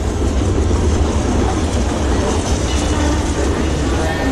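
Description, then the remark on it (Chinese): A train rumbles steadily along the tracks as it pulls into a station platform, a dense, loud roar of wheels and rail noise that holds constant throughout, with no clear whistle standing out. “随着火车的一声长鸣，列车开进了站台。”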